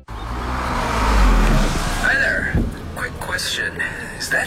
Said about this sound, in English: Is that your exhaust? Oh, yeah. Running rich. My nose says very. Your nose is right.